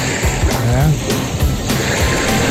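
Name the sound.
calm sea waves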